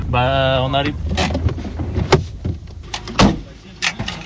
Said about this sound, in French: Après avoir franchi des barrières de barbelés, le 4x4 militaire, sous le couvert d'une épaisse forêt de sapins, emprunte une route bien cabossée qui permet d'accéder à une clairière.